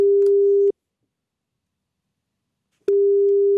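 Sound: telephone ringing tone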